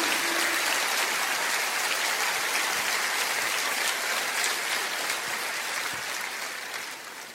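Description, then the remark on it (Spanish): An audience applauds for Jesus steadily, a dense, sustained wash of clapping hands that holds loud for several seconds before beginning to taper off at the end, with no speech over it. “Fuerte ese aplauso a Jesús.”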